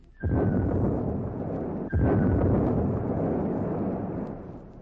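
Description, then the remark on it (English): Cannon fire at the assault of Fort Wagner: two heavy cannon booms, roughly two seconds apart, each hitting with a sharp crack and then a long, deep rumble that keeps rolling and fades slowly, with no voices. “Colonel Robert Gould Shaw led the Negro troops at the assault of Fort Wagner, and the cannon boomed.”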